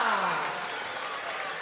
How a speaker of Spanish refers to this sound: ¡Fuerte el aplauso